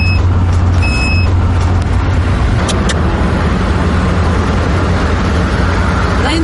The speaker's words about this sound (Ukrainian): І знову спрацьовує детектор.